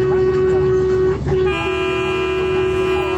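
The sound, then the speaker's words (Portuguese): A loud vehicle horn in Brazil honks on request, blaring almost continuously, a steady tonal honk that dips for a split second and then resumes, with a second horn tone layering in over it. “Ó, é aqui o Brasil inteiro buzinando.”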